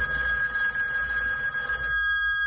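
A telephone bell rings steadily with a bright, metallic clang, loud, continuing for a couple of seconds before cutting off near the end; no voices are heard.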